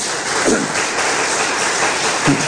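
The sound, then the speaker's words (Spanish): A dense, steady wash of applause from many hands, given to the Lord, loud and even throughout, with no pauses or distinct rhythm. “A ver, denle un fuerte aplauso al Señor.”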